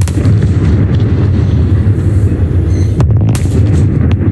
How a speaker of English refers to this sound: Twin smokestacks at one of Australia's longest operating power stations have come down today.